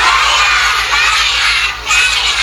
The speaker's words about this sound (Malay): Wah, tepuk tangan yang paling meriah.